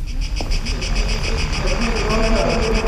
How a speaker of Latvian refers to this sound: Šī skaņa, kas man atgādina sienāžus, nāk no megafona, ko parasti mēdz izmantot protestos. Šajā izstādē iekļauts kāds darbs, kas tieši tā arī aicina domāt par krīzi Grieķijā, tomēr protestētāju balsis aizstātas ar dabas skaņām.